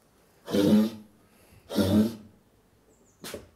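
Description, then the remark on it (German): A female brown bear coughs three times in her dusty den with straw, two rough, drawn-out hacks followed by a shorter one after a pause, with no voices present. “Ja, die hat jetzt einen kleinen Hustenanfall.”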